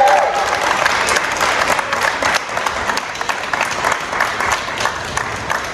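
Sustained audience applause, a dense steady patter of many hands clapping at an even loudness for several seconds, with a faint murmur of crowd voices mixed in.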